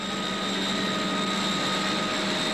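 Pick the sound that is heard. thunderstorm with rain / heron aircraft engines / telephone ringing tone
heron aircraft engines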